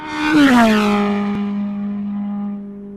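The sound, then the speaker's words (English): A Formula 1 engine screams with a loud, buzzing whine that drops sharply in pitch early on, then holds a steady high drone that slowly fades a little. No voices. “They reckon the sound of F1 is just so deafening when you're there.”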